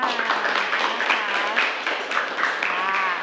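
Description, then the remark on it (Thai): Students in a class clap hands for a group's performance in a steady, dense patter of applause lasting a few seconds, with a murmur of voices mixed in underneath. “ค่ะปรบมือค่ะ”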